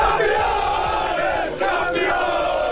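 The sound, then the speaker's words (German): A large crowd of football fans in Stahnsdorf roars and cheers, celebrating their club winning the league championship, a dense, sustained wall of shouting voices with no single speaker standing out, loud throughout with a brief dip near the end. “So jubelt ein Meister.”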